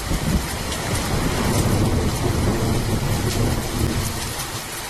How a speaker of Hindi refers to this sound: नाटक की शुरुआत ही आषाढ़ का पहला दिन और मूसलाधार वर्षा के साथ होती है।